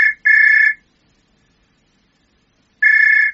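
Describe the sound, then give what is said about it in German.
A pet myna bird (Beo) in its birdcage in a hangar mimics a ringing telephone: a brief chirp, then a steady, shrill electronic-sounding trill, a two-second pause, and another matching ring. No one speaks. “Da wird sich deine Tante aber freuen, wie echt sich das Telefongeräusch angehört hat.”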